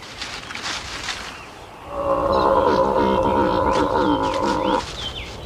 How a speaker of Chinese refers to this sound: 一头驴。